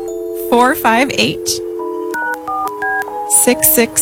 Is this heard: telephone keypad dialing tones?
yes